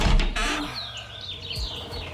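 Birds chirp and tweet outdoors, heard through a window just opened, their calls sliding across a steady background hum, with a brief rustling thump at the start as the window opens.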